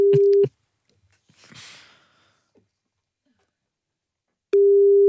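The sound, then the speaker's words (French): A telephone busy tone after the called party hangs up: a steady, loud tone sounds at the start, cuts off, then returns near the end; in between, a soft breathy exhale or sigh is audible against near silence. “Non, nous venons avec les meilleures intentions et ça raccroche.”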